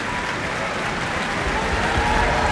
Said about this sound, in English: That applause picking out Ingrid Hagen, who is playing bassoon and representing the pompous magistrate.